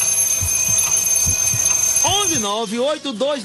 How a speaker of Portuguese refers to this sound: Aí você tá dormindo, né? Põe lá o despertador.